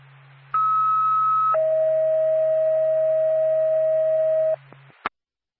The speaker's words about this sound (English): NORPAC, Whitefield Ambulance, standby for tone.